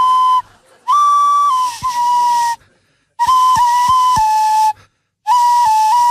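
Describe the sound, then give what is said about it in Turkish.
A breathy, reedy whistled tune played through the nose, in three sustained phrases separated by short gaps, holding a steady mid-high pitch with small stepwise note changes and airy hiss; no one speaks. “Aa, burnunla çalıyorsun şu an.”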